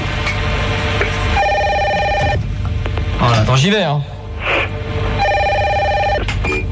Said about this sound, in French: Ah, 2 secondes, téléphone.